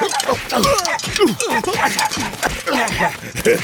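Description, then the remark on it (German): A small dog yips and barks in a rapid, excited string of short, high-pitched calls, loud, continuing without pause across the whole moment. “Drei Männer und ein kleiner Hund im Anmarsch.”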